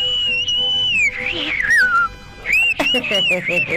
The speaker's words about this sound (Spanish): Y ahí te va un pequeño chiflido. Pequeñito.